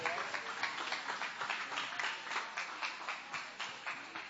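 An audience claps in praise of the Lord during a worship service, many hands striking together in a steady, fairly quick rhythm. The sharp, bright claps are loud and continue without a break.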